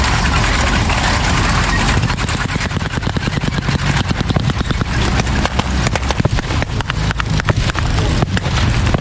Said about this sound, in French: Très vite, le sol se met à vibrer sous le poids des semi-chenillés allemands prêts à repousser les Alliés.